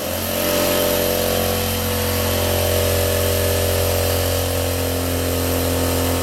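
An AEG 0.75 horsepower, 6-litre silent drive air compressor runs steadily with a constant motor drone and a strong low hum, its pitch and loudness holding level throughout with no voices.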